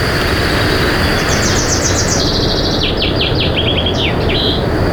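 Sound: bird song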